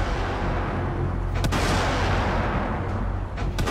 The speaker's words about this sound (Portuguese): Quando inicia a retirada, a montante é alvo de disparos de morteiros vindos da cidade. Responde com tiros de intimidação.